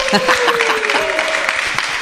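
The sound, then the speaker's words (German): Steady audience applause, a dense wash of many hands clapping at an even loudness throughout, with a thin sustained tone and faint voices mixed underneath. “Und ich finde auch, den Beifall hat er verdient.”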